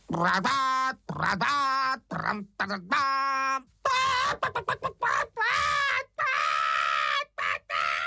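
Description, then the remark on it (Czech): A human voice imitates a hen shrieking in alarm after bumblebees trumpeted at her while she sat dozing on her eggs, thinking there was a fire; a loud string of shrill squawking cries that rise and fall in pitch, bursting out in quick, frantic succession. “Vykřikla slepice a protože myslela, že hoří, uháněla jako splašená pryč.”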